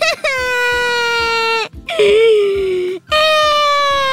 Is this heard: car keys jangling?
no